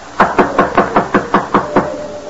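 Eight loud, evenly spaced, forceful knocks rap on a wooden door in quick succession, with no voices during the burst.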